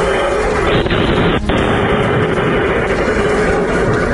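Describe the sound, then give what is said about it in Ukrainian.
Distant explosions and flashes from a powerful combined strike on Rostov Oblast, Russia, rumble through a dense, continuous roar of noise, with one sharper boom cutting through about a third of the way in. Loud and sustained throughout. “Рядом далекі вспишки, взриви.”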